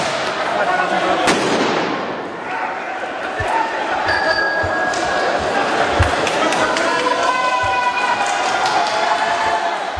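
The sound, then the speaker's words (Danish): Fireworks bang amid a noisy street crowd during student protest clashes with police in France, with demonstrators firing fireworks at riot police who use tear gas and batons: one sharp, loud crack early on, then scattered duller thumps, with shouting voices and shrill whistles throughout. “Politiet affyrede tåregas og brugte knipler mod demonstranter, der skød fyrværkeri efter urobetjente.”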